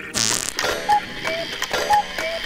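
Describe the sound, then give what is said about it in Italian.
Steady mechanical ticking like an old clock, a creaky tick-tock repeating about twice a second with alternating higher and lower tones, fairly loud, no voices. “E fanno un rumore di orologio vecchio.”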